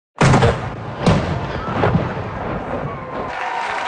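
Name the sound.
cannon salute firing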